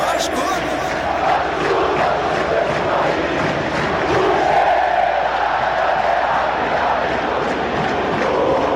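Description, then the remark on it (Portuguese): A huge stadium crowd of Vasco da Gama supporters, joined by the players on the pitch, sings the Clube de Regatas Vasco da Gama anthem at São Januário after the match, a sustained, steady roar of voices, the chant holding at an even loudness for several seconds with no break. “Os jogadores estão cantando junto com a torcida, lá no campo, os jogadores e a torcida aqui na arquibancada cantando o hino do Clube de Regatas Vasco da Gama.”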